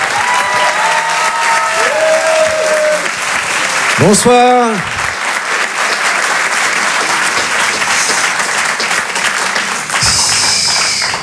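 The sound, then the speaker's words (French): A crowd at the Rire et Chanson Comedy Club claps steadily and loudly for several seconds to welcome comedian Alexis Le Rossignol, with a brief rising-and-falling whoop of cheering partway through; a single voice speaks a short greeting over the applause near the end. “Faites du bruit, s'il vous plaît, pour Alexis Le Rossignol.”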